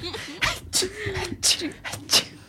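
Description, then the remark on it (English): A rapid series of about five sharp sneezes at a kid's birthday party, caused by glitter in the nose, each a breathy explosive burst, with short voiced squeaks and whimpering sounds between them and no clear speech. “Mom, did you sneeze all over the party?”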